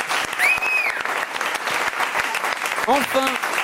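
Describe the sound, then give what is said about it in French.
Steady applause for the quiz guest who answered the most questions correctly, dense and continuous clapping throughout, with a couple of brief whistles or cheering voices rising above it. “On peut applaudir.”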